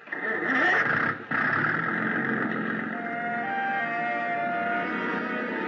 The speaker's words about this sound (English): Big gas engine took over where the wind dropped us, and Captain Granger stood at his wheel, outfencing the submerged swords of coral with the slim prow of the Kittiwake.